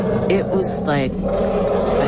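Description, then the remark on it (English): An elephant in a forest lets out a loud, rough roar, a brief rising blare over a steady low rumble, filling the whole moment. “And in that silence, out of the forest to my right, came this roar. I have never, ever, I didn't even know that elephants could make this sound.”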